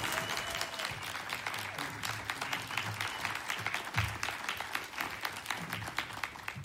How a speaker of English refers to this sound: A hearty round of applause to our special musical guest